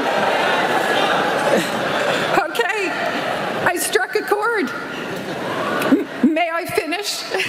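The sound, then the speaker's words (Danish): A large outdoor crowd of graduating university students boos and jeers a commencement speech in a steady, loud roar, while the speaker's amplified voice talks over it at moments, echoing through the venue. “Men på flere af universiteterne har de her taler udløst buhråb fra de studerende.”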